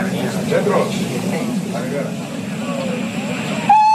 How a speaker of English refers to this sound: And it is snowing very heavily. They say that they have seen nothing like it for years. I only hope that we are not held up. I'm not happy about it, I can tell you. But let's get back into the train. It is due to leave very shortly.